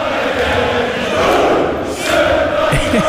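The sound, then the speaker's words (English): Thousands of Scottish football fans sing and chant together in the concourse at Fenway Park, a dense, loud, continuous roar of many voices filling the space with no single speaker standing out. “But this is what it sounded like at Fenway Park yesterday. And this is in the concourse. The thousands of Scottish football fans.”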